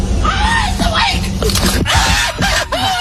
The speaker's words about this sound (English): He creeped up on it and the thing hopped back up and it scared the bejesus out of the cop. And ghost deer. He screams like a little girl in this clip. This cop might need his heart checked after this encounter.